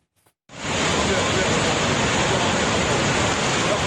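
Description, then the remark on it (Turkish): A loud, steady roar of rushing floodwater from a stream that has overflowed, forcing village houses to be evacuated, starts abruptly after a brief quiet moment and continues unbroken, a dense churning wash that fills the whole scene. “Dere taştı, köy evleri boşaltıldı.”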